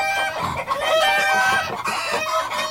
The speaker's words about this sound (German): Das fanden die Hühner so lustig, dass sie gar nicht mehr mit dem Lachen aufhören konnten.